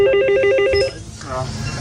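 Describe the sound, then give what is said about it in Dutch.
A small electric bell at a village bridge in Schipluiden, rung to call someone from the Albert Heijn to open the bridge by hand for a passing boat, rings in a rapid, trilling burst of repeated bright strokes for under a second, then stops, followed by a moment of quiet and the start of a voice. “En dat belletje, dat klinkt als volgt.”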